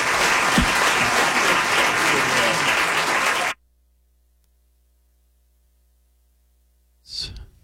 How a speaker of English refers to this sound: Just wanted what you wanted to hear, some clapping, right?